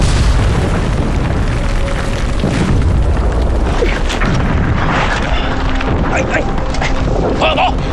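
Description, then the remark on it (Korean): American artillery shells exploding on enemy troops on a mountain in a loud, continuous barrage, with deep overlapping booms forming a steady heavy rumble, and voices faintly mixed in beneath the roar. “역시 미국 포탄이 대단하긴 하네요.”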